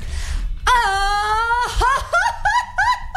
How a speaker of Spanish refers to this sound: vamos a hacer un concurso rápido de gritos de mariachi